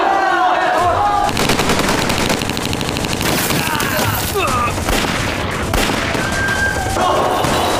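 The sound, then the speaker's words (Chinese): Dense, continuous gunfire from heavily firing Communist army forces fills the scene, with rapid machine-gun bursts layered over sharp rifle shots and booming impacts, loud and relentless throughout, with shouting voices briefly audible beneath the barrage. “不行啊，共军火力太猛，冲不出去！”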